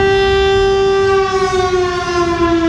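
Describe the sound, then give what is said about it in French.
A loud civil alert siren in Cambrai, meant to alert the population in an absolute emergency, wails steadily, holding a strong sustained tone with rich harmonics that dips slightly in pitch partway through, with no voices present. “si on a une urgence absolue à Cambrai, eh bien on pourra réactiver cette sirène pour alerter la population.”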